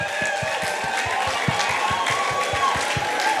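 A crowd applauds itself and cheers in a dense, steady wash of clapping, with a quick regular thumping pulse running underneath and high whistles and shouts over the top.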